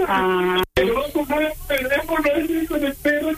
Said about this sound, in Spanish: ¿Está llorando mi hermano? Sí, está llorando porque es de tanta emoción de saber que tiene un hermanito como tú